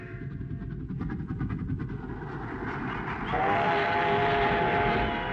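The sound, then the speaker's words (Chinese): A train bound for Beiping (Beijing) rumbles steadily along the rails with a rhythmic clatter of wheels, then a sustained whistle sounds partway through and holds to the end over the loud rolling noise. “他登上了返回北平的火车。”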